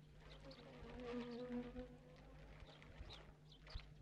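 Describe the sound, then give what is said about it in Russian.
Bees buzz in a steady, wavering drone that rises and dips slightly in pitch, with a few faint clicks and taps in the background and no one talking, as bees are pressed one after another onto a man's skin to make them sting. “прикладывает еще одну пчелу.”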